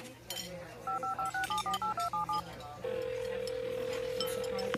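A quick run of about nine touch-tone beeps as a phone number is dialed, each short and evenly spaced, followed by a steady ringing tone holding for a couple of seconds, clear.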